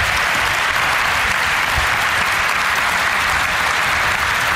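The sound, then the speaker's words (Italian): Sustained applause from an audience at the Meeting di Rimini, welcoming sociologist Professor Eva Illouz, a dense, even wash of many hands clapping at steady loudness throughout, with no voices heard over it. “Prima di tutto, poi li presenterò in modo più adeguato dopo, vorrei che voi faceste un grande applauso alla sociologa, professoressa Eva Illouz, qui alla mia destra.”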